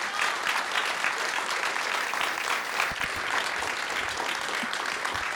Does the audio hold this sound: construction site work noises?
no